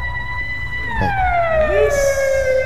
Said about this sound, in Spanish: Estamos aquí en Facebook, pero sí en radio. ¿Cómo suena la sirena? Radio, ahí?